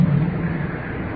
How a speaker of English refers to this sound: And we're out in the open now. Along the creek. Probably can hear the water moving on out toward the ocean.